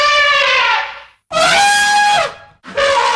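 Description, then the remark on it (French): An elephant trumpets loudly in three shrill, brassy blasts, each about a second long, separated by brief gaps. The last call is cut off. No voices are heard. “Au cours de cette fable, nous rencontrerons l'éléphant.”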